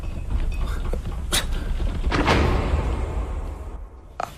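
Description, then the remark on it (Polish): A door opening or closing, with a few sharp clunks and a longer scraping movement in the middle, ending on a final soft knock, no voices. “Drzwi!”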